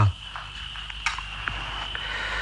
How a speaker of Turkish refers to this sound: Dinle bak, cırcır böcekleri.